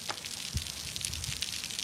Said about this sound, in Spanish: Es el otro sonido de la noche, el de la lluvia. Primero en Valencia, que ha obligado a suspender el Levante Atlético de Bilbao, eso sí, a 3 minutos de que empezara, con los equipos en el túnel de vestuarios y el público en la grada.